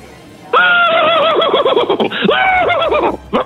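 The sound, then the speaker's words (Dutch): A man's voice mimics a horse's whinny, a loud, quivering neigh with wavering pitch lasting about three seconds, delivered alone without other speech. “Misschien nog één keer dat paard van jou?”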